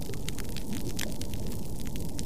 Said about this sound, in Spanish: Pero los arrecifes no solo se vuelven más pálidos, sino también más silenciosos. Así suena un arrecife deteriorado.